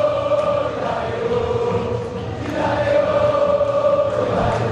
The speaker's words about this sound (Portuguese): Ouça a torcida na Bomboneira.